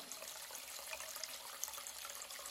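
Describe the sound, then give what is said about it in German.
A tap runs steadily into a washhouse sink basin with the stopper put in, a continuous rushing hiss of water with small splashy bubbles and plinks scattered through it, no voices. “So, ein Stöpsel rein, Wasser ins Waschbecken.”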